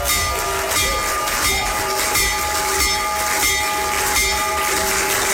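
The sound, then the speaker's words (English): A bell, rung by the President with children around him, rings over and over in a steady, regular rhythm, its bright metallic ring hanging in the air above a constant low rumble of rail machinery. No one speaks. “And then he did, and with the kids around him there, he had the opportunity to ring the bell, and here's a little bit of that.”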